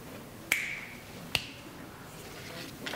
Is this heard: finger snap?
yes